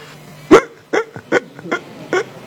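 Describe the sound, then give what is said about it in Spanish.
Dogs barking in a quick, irregular series of about six sharp barks, the first the loudest, with no one talking over them. “Ay, los perros, será.”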